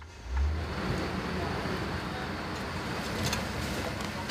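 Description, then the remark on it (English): A waste collection truck in Berlin rolls along and turns onto a street where a lot of industrial waste is dumped, with a steady, deep engine rumble and broad road noise, continuous throughout, with no voices. “Now we're turning onto a street where a lot of industrial waste is dumped.”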